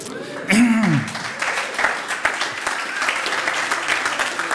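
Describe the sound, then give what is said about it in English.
Sustained applause from an audience at an evening music performance. A dense crackle of many hands clapping holds at steady loudness throughout, with a brief voice rising and falling over the start. “Please don't clap, just throw money.”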